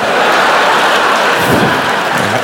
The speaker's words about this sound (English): I came up with my own expression. I like to make it hail. Yeah. That's when you throw change on sluts.